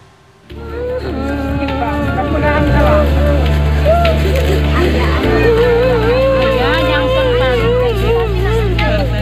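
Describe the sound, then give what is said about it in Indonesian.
A search and rescue team boat's engine drones low and steady, shifting pitch as it maneuvers in to dock at Marina Carita pier in Pandeglang, Banten, on a Wednesday afternoon, while a middle-aged woman wails and cries hysterically over the rumble. “Tangisan histeris wanita paruh baya ini menyambut kedatangan kapal tim SAR di Dermaga Marina Carita, Pandeglang, Banten, Rabu sore.”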